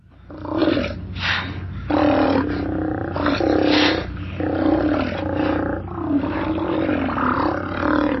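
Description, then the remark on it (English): Deep, growling roars from Steller sea lions, large marine mammals of the northern Pacific Ocean, calling from their rookeries and haul-out areas. Several overlapping calls form a continuous, loud chorus, with a low rumbling background throughout. “Their deep, growling calls echo from their rookeries and haul-out areas up and down the Pacific coast.”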